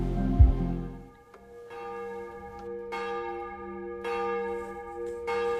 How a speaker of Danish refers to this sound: Klokkerne i Domkirken i København ringer ind til morgenandagt.